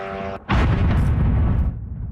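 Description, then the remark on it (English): A sudden, loud explosion bursts in after a brief hush, its deep rumbling boom sustained for over a second before slowly fading, as a Russian drone strikes an apartment building in Kyiv, Ukraine. “That's one drone hitting an apartment building in Kyiv.”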